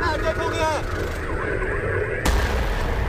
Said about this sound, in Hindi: ये तस्वीरें हकीकत नहीं मगर अमरनाथ यात्रा के दौरान असलियत में अगर ऐसा हो तो हालात से निपटना कैसा है, ये उसी की तैयारी है। धमाके की आवाज सुनते ही जवान तुरंत एक्शन में आ गए, ट्रैफिक रोक दिया और पुलिस फोर्स ने चारों तरफ से इलाके को घेर लिया।